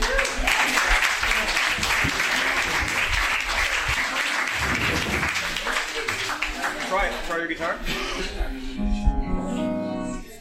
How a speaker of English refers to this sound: And so I'm going to let him tell his own stories for Richard, and I hope that you'll give a big round of applause to one of Richard's finest friends,